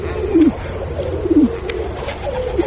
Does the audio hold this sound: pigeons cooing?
yes